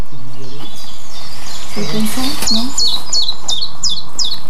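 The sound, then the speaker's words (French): A tiny hedge bird of about 5-6 grams, probably a chiffchaff, sings its chip-chap song: a steady series of high, clear notes alternating in pitch, following some brief low vocal sounds at the start. “Un tout petit oiseau. Qui doit faire 5-6 grammes, pas plus. Qui passe souvent à l'as parce qu'il est tellement petit qu'on ne le voit pas, mais il est tout le temps autour de nous.”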